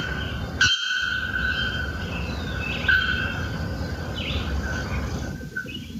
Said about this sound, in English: So new documented birds. Another bellbird, the bear-throated bellbird. This is the bear-throated bellbird's call.